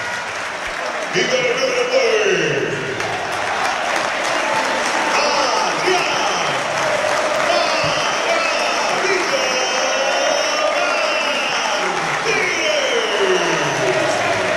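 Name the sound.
stadium crowd applause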